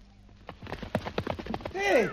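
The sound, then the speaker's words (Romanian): A runaway horse gallops, its hooves striking in a quick, steady rhythm of loud clops before ending in a brief, high whinnying cry; it will not stop even though its reins are pulled. “Nu știu, calul parcă turbat. Degeaba trag de hățuri, că nici nu se închisește.”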